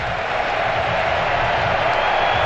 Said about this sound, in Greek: Ακούτε τα χειροκροτήματα από τους Αμερικάνους.